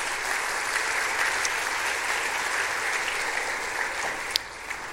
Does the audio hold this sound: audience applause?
yes